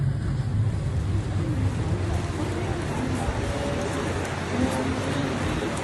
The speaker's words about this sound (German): Einige Tage später machen wir uns auf den Weg zum Hafen. Noch ist es ruhig. Fischerboote schaukeln im Wasser, irgendwo kreischen Möwen.